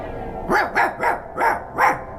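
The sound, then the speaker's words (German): A dog barks five times in a steady, rhythmic series, each bark short and fairly loud, with no one speaking. “Mit Wächter. Und neuerdings sogar Hunden.”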